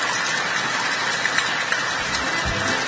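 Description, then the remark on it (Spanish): A heavy afternoon downpour in Bajo la Cancha pours down in a dense, steady roar, with scattered sharper taps, pounding on the thin roof of a rancho (shack). Nobody speaks. “Y me mandó un audio con un video y caía agua, le cascoteaba el rancho totalmente.”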